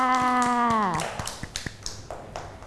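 A falling electronic tone with steady ticks gives way to scattered, uneven hand claps from several children, light and irregular rather than a full round of applause.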